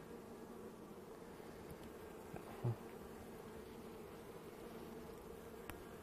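A steady, low droning hum of many honeybees buzzing around an opened hive while its frames are inspected, continuous and dense throughout, with a brief soft knock partway through.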